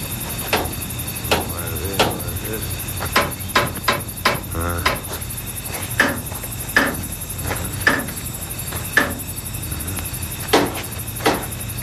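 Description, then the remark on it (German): A special hammer taps sharply on metal again and again at an uneven pace, checking each wheel and bolt of an old locomotive just after sunset, roughly a dozen ringing knocks over a low steady mechanical hum. “nahm einen besonderen Hammer heraus und beklopfte vorsichtig und schweigend jedes Rad und jede Schraube”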